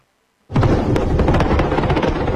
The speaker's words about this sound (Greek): Εκτός σύνορων και πάλι και στην επικίνδυνη κλιμάκωση στο μέτωπο Σαουδικής Αραβίας και Χούθη, με νέες επιθέσεις με πυράβλους και ντρόνς και αναφορές για αλλεπάλληλες εκρήξεις στο Ριάντ.